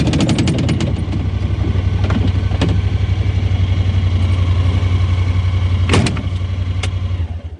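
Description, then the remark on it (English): A side-by-side utility vehicle engine idles steadily with a low, even throb throughout, punctuated by a few sharp clicks and a clunk, then the engine cuts out at the end; on a farm bordering Pureora Forest Park on a chilly 5-degree day, heading to a hill about 800 metres above sea level. “We're cheating somewhat by taking the side-by-side, but since we're heading to a hill about 800 metres above sea level, I won't complain.”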